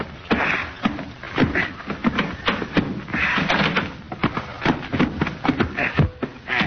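A door being opened amid a busy stretch of rattling clicks, knocks and soft thuds, with shuffling movement, steady and fairly loud throughout.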